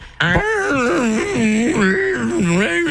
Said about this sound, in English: That's what bagpipes sound like when you're in the studio.